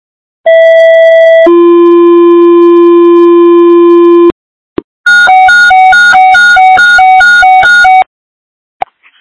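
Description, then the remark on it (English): Loud electronic fire dispatch alert tones for Gulf Park Fire, calling it to an out-of-control burn at Beach Street and Oak Street: a steady high tone drops to a long lower tone, then after a short gap a rapid stepping pattern of alternating pitches. No voices. “Gulf Park Fire, standby for tones.”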